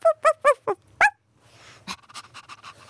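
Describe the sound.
A person playing a dog at an art exhibition opening imitates a dog with five quick, loud yapping barks in a steady rhythm, then quieter rustling and soft murmurs follow.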